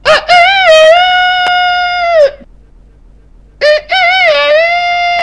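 A rooster crows loudly, two long drawn-out calls with a brief silent gap between them and no other sounds.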